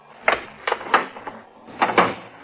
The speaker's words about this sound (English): Zero, open the elevator door for Paulson. With pleasure.